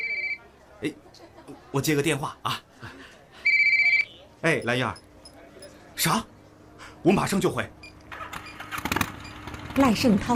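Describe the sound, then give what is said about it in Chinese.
A phone rings once with a short, bright electronic trill in the middle, clear, while people in a Chinese village talk back and forth around it about assessing poor households. “哎，我接个电话啊。”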